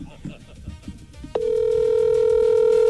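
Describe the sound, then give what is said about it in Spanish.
A phone call ringing tone, as someone is called during a live stream, cuts in abruptly partway through as a loud, steady, sustained electronic note that holds unbroken to the end, following a stretch of quieter voices. “¿Quién le está llamando a esta hora? ¿Quién la está llamando a usted por el partido?”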